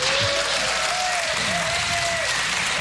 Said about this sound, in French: Cher public du Blues Café, merci de faire un tonnerre d'applaudissements